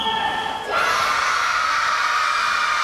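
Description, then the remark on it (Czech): A crowd of children erupts into loud, sustained cheering and shouting after a brief tonal hum, their high-pitched voices blending into a continuous roar of excitement, as they answer whether they enjoyed the past tens of minutes on the ice at a skating rink in Holešovice, Prague. “No tohle byla reakce dětí na otázku, jestli je předchozí desítky minut na ledě bavili.”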